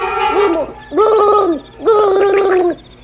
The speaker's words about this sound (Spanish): ¿Has escuchado ahora? Sí. Fue algo semejante al ruido que hace el aire al escapar por un tubo bajo el agua.